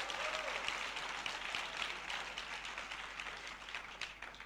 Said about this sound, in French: Applaudissons ce Seigneur qui est un Dieu vainqueur.